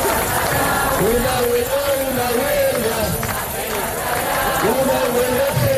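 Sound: street protest crowd chanting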